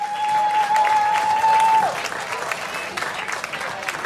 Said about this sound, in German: Einen kräftigen Applaus für die Herzstickling.